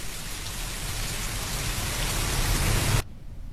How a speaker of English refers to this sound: Rain. Yeah, correct.